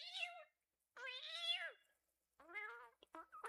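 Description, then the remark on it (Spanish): A cat meows three times, each call a drawn-out, wavering cry separated by short pauses, the last followed by a few quick chirpy sounds. “Oye, gatito, llama al profe Giovanni.”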